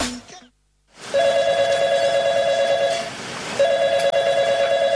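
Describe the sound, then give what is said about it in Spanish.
A telephone rings loudly with a steady electronic trill, two long ring bursts separated by a brief pause, and goes unanswered, following a moment of silence after a short faint sound at the start. “Ese teléfono es suyo. Y nadie contestó.”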